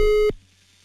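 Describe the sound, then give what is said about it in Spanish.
A single loud electronic telephone tone, heard as a number is dialed for a live radio call, sounds steadily for about a third of a second, then cuts off abruptly into near silence. “Vale, pues, marcamos entonces ahora.”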